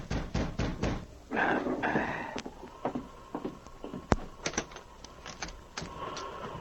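Sharp, close raps on a wooden door, a quick cluster of knocks followed by scattered single thuds, with a brief creaking, whirring noise in between and no talking.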